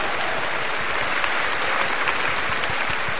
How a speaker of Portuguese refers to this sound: Uma salva de palmas a todos que ajudaram.